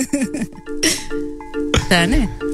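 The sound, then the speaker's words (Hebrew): A telephone rings with a steady electronic tone running underneath, while voices talk loudly over it during a live kzradio.net radio broadcast from Gan Ha'ir. “טלפון, מישהו?”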